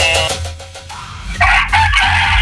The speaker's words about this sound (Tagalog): Hello? Akong nadungog kay ang manok ra.